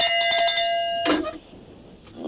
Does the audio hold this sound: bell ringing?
yes